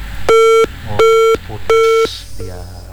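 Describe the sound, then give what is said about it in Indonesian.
Three evenly spaced electronic telephone beeps from an incoming call to the Program 1 RRI Ternate radio show, each lasting about a third of a second, loud, with faint voices murmuring in the gaps between them. “Oh, ada telepon masuk.”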